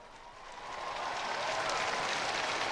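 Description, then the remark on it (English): A crowd applauds after Pope Leo XIV signs the back of a special youth cross for his visit to Madrid. The many hands clap in a steady, dense wash that swells slightly in loudness after the first second and stays strong, with no voices standing out. “And the applause there, following Pope Leo's signing the back of that cross, which the young people brought up to him.”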